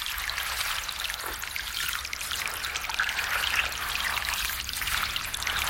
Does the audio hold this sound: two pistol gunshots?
no